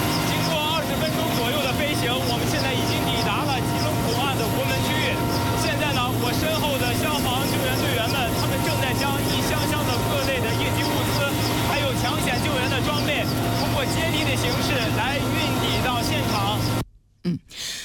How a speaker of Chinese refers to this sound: 刚才记者在直升机上做的连线，您可能因为噪音的关系听得不是很清楚。